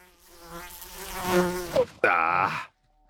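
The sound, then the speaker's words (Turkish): A fly buzzes right up close and gets into someone's ear, its whining drone wavering and swelling in loudness for a couple of seconds before cutting off abruptly, leaving silence. “Lanet sinek kulağıma girdi.”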